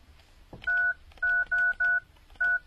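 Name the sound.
mobile phone keypad tones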